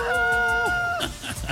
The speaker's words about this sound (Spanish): ¡Póngale el gallo!